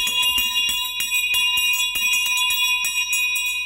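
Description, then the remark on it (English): A loud school bell, the first bell, rings continuously, its rapid metallic clatter steady for several seconds with no one speaking. “So let the first bell ring and we'll get back to you guys after this.”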